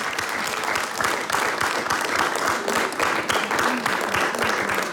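A large audience bursts into sustained, dense applause for the folk music ensemble, many hands clapping steadily and loudly throughout without any talking over it.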